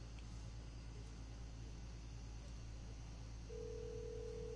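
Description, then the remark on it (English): A telephone line hums steadily, then a single ringback tone begins near the end and keeps going with no answer, as an early-morning call to Barbara Streisand goes unanswered. No one speaks. “It's not answering.”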